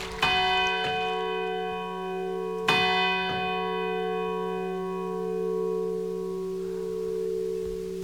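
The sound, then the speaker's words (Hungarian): The bell of the clock tower by St Mark's Square in Venice strikes three o'clock slowly, each deep, resonant stroke followed by a long, humming ring that sustains and slowly fades between blows. No voices. “A háta mögött az orolódzsó harangja 3 órát kongat.”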